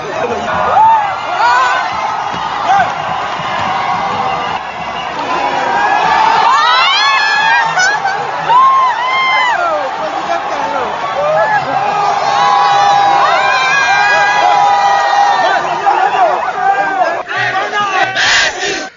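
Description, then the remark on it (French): A large crowd of supporters cheers and shouts continuously for the whole stretch, paying tribute to Patrice Talon on his way back home, with high whoops and rising, wavering cries cutting through a dense, loud roar of many voices. “après le tête-à-tête avec Romuald Wadaï, Patrice Talon a regagné son domicile et sur le chemin du retour, une foule de sympathisants a tenu à lui rendre hommage.”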